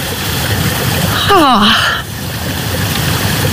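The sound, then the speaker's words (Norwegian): Spring water trickles steadily out between stones and green moss, a constant bright babble, with a short falling vocal exclamation rising briefly above it near the middle. “Det ingenting over, og så plutselig så bare kommer det ut og pipler fram mellom steiner og mellom det grønn mose akkurat.”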